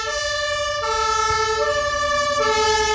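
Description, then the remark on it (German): A fire engine siren blares loudly, its two-tone pitch switching back and forth in a steady alternating pattern with no talking. “ich mach mal die Sirene an.”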